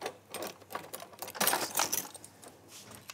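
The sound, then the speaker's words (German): A knife cutting through shortcrust pastry dough, trimming it straight so it can be measured, a quick series of soft scraping taps against the board, growing busier and louder midway, then easing off. No one speaks. “So, und dann schneide ich mir das hier gerade, damit ich das abmessen kann.”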